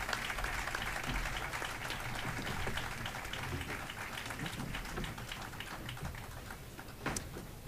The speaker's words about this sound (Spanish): aplauso a Juan Diego.